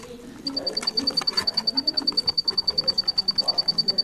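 In the Houcheng singing insect museum, a cricket chirps in a fast, steady run of high-pitched pulses while a black-naped oriole's lower, fluty calls sound intermittently underneath, with no talking.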